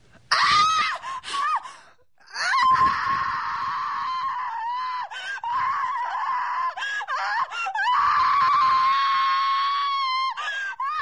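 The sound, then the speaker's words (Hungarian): A woman screams in agony at a convent, long piercing wails broken by a short gasp and a few brief catches, loud, with no other voices or sounds around her. “A sikítás bejárja a falut, pedig a falu nagyon messze fekszik a kolostortól.”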